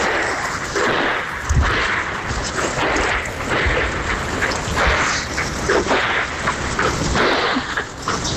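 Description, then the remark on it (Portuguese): Several sharp gunshot cracks, recorded on a phone in Laranjeiras, ring out at irregular intervals over a constant, loud wash of rushing noise, echoing, with no one speaking. “Ia fazer o áudio pra tu, fiz a gravação do tiro.”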